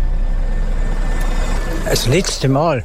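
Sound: bus pulling away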